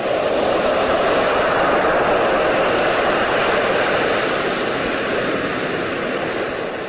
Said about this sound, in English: Turn on soothing baby sounds, wait for sleep to wash back over her.